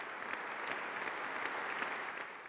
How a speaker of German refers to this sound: Und das bewies dann auch der Applaus des Publikums.